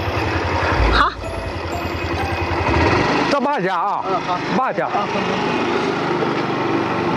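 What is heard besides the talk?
motorcycle engine running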